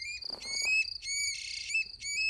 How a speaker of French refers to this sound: Une grive musicienne. Attends, Al, je te repasse son chant.